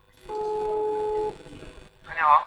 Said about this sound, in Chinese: 打这个电话就行。 好，再打一下住建局的电话。